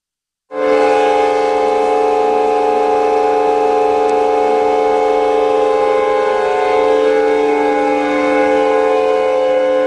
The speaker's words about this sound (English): This is a chord from the world's longest song. The song is composed by John Cage, and it's called As Slow As Possible. A church organ in Germany began playing it in 2001, and is scheduled to finish in 2640.